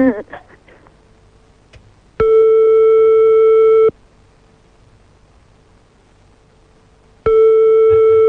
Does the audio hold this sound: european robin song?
no